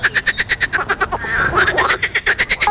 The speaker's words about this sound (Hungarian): A stúdióm egy tó mellett van, vagy egy kis tó mellett van, úgyhogy nagyon rutinos vagyok béka nevetésnek.